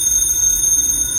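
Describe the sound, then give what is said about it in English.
A telephone rings loudly at four o'clock in the morning, a steady, high-pitched bell-like trill that continues unbroken through the short moment, with no voices. “The phone. That's a phone.”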